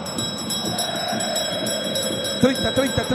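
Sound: bell ringing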